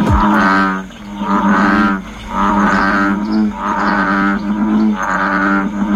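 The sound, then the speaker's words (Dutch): An American bullfrog gives loud, deep lowing calls, five drawn-out moo-like bellows in a steady rhythm, each rich with harmonics and separated by brief pauses, with no talking. “Er kwamen al klachten binnen over het harde, loeiende geluid van het dier.”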